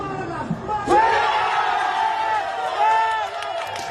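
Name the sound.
crowd cheering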